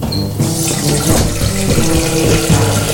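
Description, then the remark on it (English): Water pours steadily from a tap into a bowl, filling it to be carried outside into the street, a fairly loud continuous gush with a faint ringing tone as it fills. No one speaks. “Carry this bowl of water out to the front for me, will you?”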